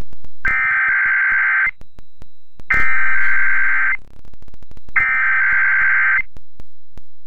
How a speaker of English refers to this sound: The following tones are part of the emergency alert system.